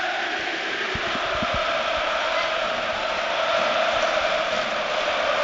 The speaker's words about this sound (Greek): Νομίζω ακούγεται ξεκάθαρα ότι όλο το Γιώργος Καραϊσκάκης φωνάζει ρυθμικά το όνομα του Βάσκου προπονητή του Ολυμπιακού